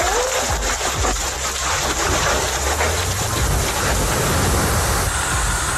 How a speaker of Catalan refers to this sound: Així sonaven algunes de les pedregades que van caure en algun punt del país, amb pedra de la mida d'una pilota de tenis taula, fins i tot, és a dir, que notablement grosses les pedres que van caure en algun moment.